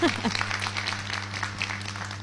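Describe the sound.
Steady audience applause for a guest being honored for her presence, a dense crackle of many hands clapping at moderate loudness, with a low hum beneath and a voice briefly audible at the start.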